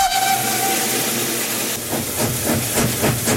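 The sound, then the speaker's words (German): A historic Rhaetian Railway (RhB) steam locomotive's whistle sounds loud with a steady tone at an inauguration celebration, then gives way to rhythmic bursts of hissing, chuffing steam as the engine works, with no voices present. “Dafür hätte andere Dampflokke dürfen einspringen.”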